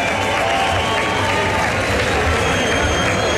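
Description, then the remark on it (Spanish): A concert audience applauds and cheers loudly for the band's drummer, a dense, steady wash of clapping and crowd noise filling the whole stretch without pause. “Fuerte el aplauso, que se sienta.”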